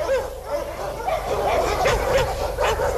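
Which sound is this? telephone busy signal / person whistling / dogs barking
dogs barking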